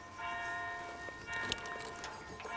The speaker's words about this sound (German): Pünktlich zum Glockenschlag geht es wieder los.